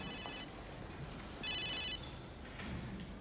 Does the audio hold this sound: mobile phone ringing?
yes